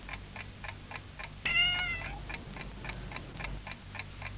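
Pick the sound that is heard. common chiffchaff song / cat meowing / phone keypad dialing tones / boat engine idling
cat meowing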